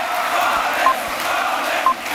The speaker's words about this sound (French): Invité d'honneur du meeting, le nouveau meilleur ami de la galaxie Bolloré, Boualem Sansal, qui a été acclamé par la foule.